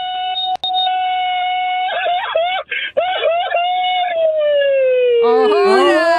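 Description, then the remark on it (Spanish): A single man's loud mariachi grito, given on request without tequila: a long, sustained high yell that warbles in the middle, slides downward in pitch, then ends with a rapid trilling cry, alone. “échate un grito mariachero, papá.”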